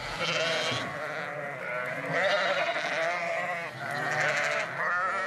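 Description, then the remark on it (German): A flock of sheep on a coastal dike, kept there for coastal protection, bleating almost without pause, several wavering, nasal calls overlapping at a steady loud level, with no one speaking. “Die Schafe sind wichtig für den Küstenschutz, halten die Grasnarbe kurz und verdichten mit ihren Huftritten den Boden.”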